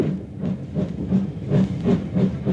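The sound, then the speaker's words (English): A train pulls away from a station with a steady, rhythmic chugging of low pulses and hissing bursts, moderately loud, with no voices. “A guard's whistle blew, and the train began moving.”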